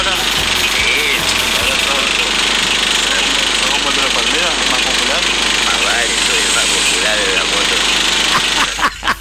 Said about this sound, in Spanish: Entre la moto de Chupita y el colectivo de Macuco no se escucha nada.